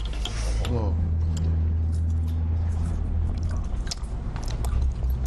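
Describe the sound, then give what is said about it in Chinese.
Wet chewing of crunchy braised meat, a piece of pork back or belly, with repeated crisp crackles and squishy bites over a steady low background hum. “而且确实这个口感嚼起来脆脆的。”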